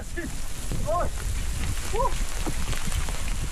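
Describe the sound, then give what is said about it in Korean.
Hail clatters steadily and densely in a mountain range, falling suddenly after fair weather, a continuous rattle of small hard impacts throughout, with a couple of brief voice sounds rising over it. “방금 전까지만 해도 좋았는데 우박까지 떨어져요.”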